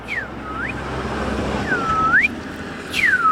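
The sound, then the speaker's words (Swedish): A person whistles in imitation of a bird call, trying to fool a bird-identification app: three clear swooping notes, each dipping then sliding back up in pitch, over a steady rushing background noise. “Jag försöker lura appen här nu och tror att jag är... Ja, jag vet inte ens vilken fågel som kan låta så där, men jag provar.”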